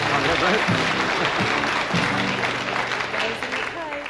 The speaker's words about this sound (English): Thank you very much. Don't clap her too much.